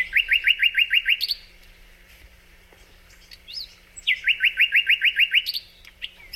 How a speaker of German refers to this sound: Und wenn das dann so wie jetzt hier im Frühjahr in Halle passiert, dann verliert der Sprosser komplett die Scheu vor den Menschen. Deswegen konnte ich da auch ganz nah ran und mir den auch mal angucken und natürlich anhören und sogar aufnehmen.